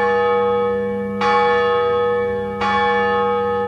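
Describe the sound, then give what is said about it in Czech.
A large cast bronze bell rings twice, each strike a bright metallic clang followed by a long, rich humming resonance that lingers loudly, with no voices. “Zvon právě patří mezi hudební nástroje pevně naladěné, mají zase tu výhodu, že se nerozladí.”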